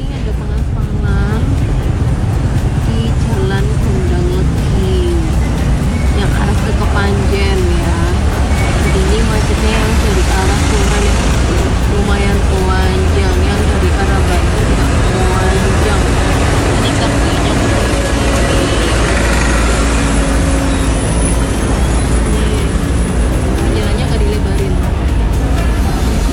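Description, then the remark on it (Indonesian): Heavy road traffic stuck in a long jam heading west from Turen beside road asphalting works: a continuous loud rumble of idling engines and machinery drone, with shifting tonal engine hums and muffled voices underneath. “Nah, ini kawan sedang pengaspalan ya.”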